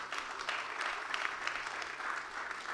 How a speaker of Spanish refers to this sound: Denle el aplauso a Jesucristo.